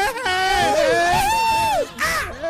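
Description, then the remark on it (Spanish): Voices let out a long, high-pitched festive fair cry (grito de feria), held and wavering for nearly two seconds, followed by a brief second burst of yelling. “Haga su grito de feria.”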